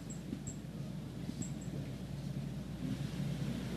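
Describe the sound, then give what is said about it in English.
Strong, sustained wind roars steadily outdoors on a canal in Babylon, Long Island, Suffolk County, New York, before an approaching storm, a continuous low rumbling buffet with little letup, and a few faint high chirps flicker briefly in the background. No one speaks. “We've had strong, sustained winds already.”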